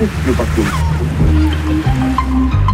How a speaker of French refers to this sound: Ici, le silence règne. On entend juste l'eau, le vent, les mouettes et des voix qui sortent des maisons.